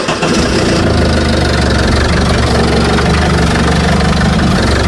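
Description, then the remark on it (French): A tractor's engine is started with its starter and rumbles loudly and steadily, a deep idling chug with a slight knocking texture that holds unchanged throughout, with no voices. “Alors, c'est le bruit qui a bercé mon enfance, c'est le démarreur d'un tracteur.”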